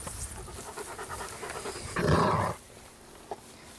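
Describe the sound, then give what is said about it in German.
Dog sounds: steady rhythmic panting, then a brief, loud, rough growl, a dog growling back at a puppy, lasting about half a second before things quiet down, with a small yip-like sound shortly after. “Ja, wenn man knurrt, dann wird zurückgeknurrt, Noran.”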